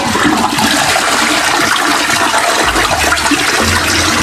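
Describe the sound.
Homemade sea-wave sound made with water at home, sent as a Messenger voice message to the radio station RMF Max: a loud, steady rush of churning, splashing water filling the whole few seconds, with a low surging rumble toward the end and no voices.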